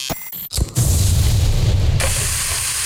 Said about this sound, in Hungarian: Hallod? Ez a hang, amikor a jó hús találkozik a forró grillel.